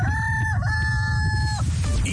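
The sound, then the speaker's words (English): A rooster crows loudly, one long harmonic cock-a-doodle-doo lasting about a second and a half, over a steady low rumble of background noise. “What's that sound? It's the chickens coming home to roost!”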